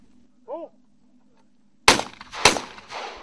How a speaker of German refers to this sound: Und Sie können ja gleich sehen, wenn der erste Schuss fällt. Die Tauben sind gut, sehr gut sichtbar. No. Feuer frei!